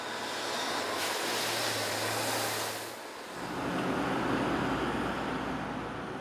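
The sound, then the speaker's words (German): Gravel is tipped into a freight train wagon by the harbour master at a port, a steady, broad rushing roar over a low mechanical rumble. The roar dips briefly midway, then resumes heavier and grittier. No voices. “Und dieser Kies, den Patrick Stein gerade in diesen Zug kippt, der fährt später mal bis nach Italien.”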